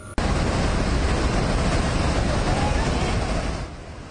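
A steady, loud roar of rushing floodwater carrying mud and debris around a two-story house during the floods in Nepal, a dense churning wash of noise that fills the scene without pause and eases slightly near the end.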